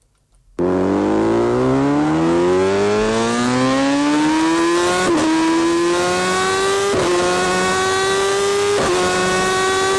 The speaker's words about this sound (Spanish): Comenzamos con sonido de moto en la Cadena Ser